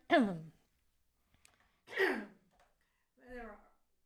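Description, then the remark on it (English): Three short throaty bursts of coughing spaced about a second and a half apart, the first two rough and breathy, the last more voiced, with quiet gaps between them. “Oops, took myself off because I'm having a little bit of cough going on.”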